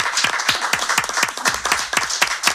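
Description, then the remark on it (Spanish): A crowd applauds steadily, with many overlapping hand claps forming a dense, even patter that stays fairly loud throughout. “Bueno, un aplauso, un aplauso.”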